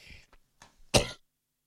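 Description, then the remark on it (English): A few short throat sounds build into one loud, harsh cough, followed by quiet; a person coughing while reading out a weather forecast. “Sorry, just had to cough.”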